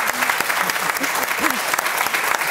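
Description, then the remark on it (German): Steady audience applause, a dense wash of many hands clapping at an even loudness throughout, with faint voices murmuring underneath. “Erst mal einen Applaus geben wir schon mal.”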